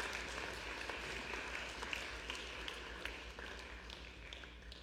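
An audience at a church service applauds to welcome the newest member: many hands clapping in a dense, steady patter that holds an even, moderate level for about five seconds, with no voices over it.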